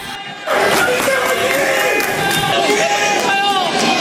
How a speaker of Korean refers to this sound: 사령탑을 향했던 분노와는 180도 다르게 선수들을 향해선 박수를 치며 따뜻한 반응이 나오기도 했습니다.